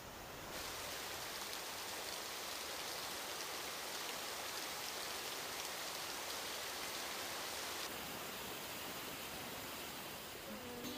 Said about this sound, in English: Gonna take a shower.